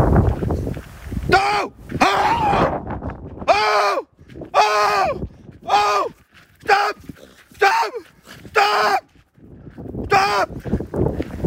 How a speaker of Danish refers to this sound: løberen mødte en ulv med en ulvevalp i Bunken Klipplantage i Nordjylland, og mødet fik ulven til at vise tænder. Løberen råbte højt og viftede med armene for at få ulven til at gå væk, inden ulven stoppede få meter fra ham. Det lød sådan her.